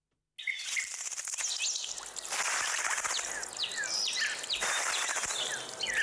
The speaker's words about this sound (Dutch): Ja, ik hoorde dus alleen maar vogels om me heen. Het was heerlijk rustig en het was heerlijk genieten.